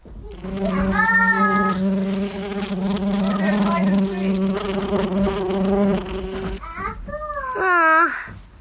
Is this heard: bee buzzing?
yes